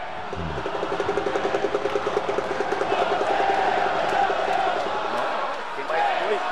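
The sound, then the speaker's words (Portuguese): A huge stadium crowd roars for Neymar Júnior as he is announced in Brazil's squad for his fourth World Cup, loud and continuous, with a rhythmic pulsing chant or clap through the first half before settling into a steady, dense cheer. “Uma torcida muito grande do Neymar, rapaz.”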